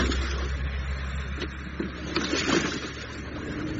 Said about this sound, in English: I could hear lawnmowers.